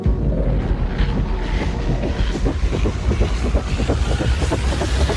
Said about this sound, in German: Die Gegner vom Projekt reden unter anderem von grossen Schatten, die Windräder werfen, von Rodungen und von Lärm. Auf ihrer Webseite tönen die Windräder so da.